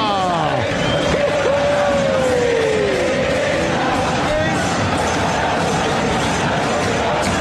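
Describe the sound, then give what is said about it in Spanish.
A huge crowd at La Bombonera stadium roars and cheers as the match ends with Boca winning 1-0, a dense, sustained wall of noise, with shouting voices and a few rising whistles or horns cutting through in the first seconds. “se terminó la Bombonera de la Boca. ¡Ha ganado Boca! ¡Y escucha este grito!”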